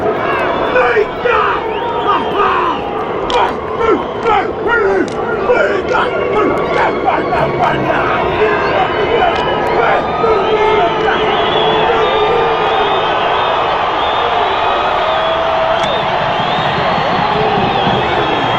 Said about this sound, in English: And he replied with his own haka, kapa or panga, which of course everyone knows is also other haka. Is the All Blacks haka as well. And this is him doing the haka to the All Blacks.